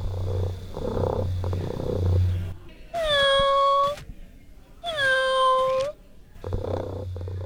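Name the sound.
robotic toy cat meowing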